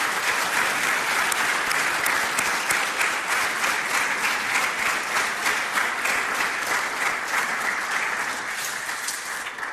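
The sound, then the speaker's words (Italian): An audience applauds steadily to welcome the president of the Unione Italiana Ciechi, a dense wash of many hands clapping at an even level, tapering slightly toward the end. No voices are heard over it. “Allora, io intanto saluto e accolgo con un applauso il presidente dell'Unione Italiana Ciechi, Mario Barbuto.”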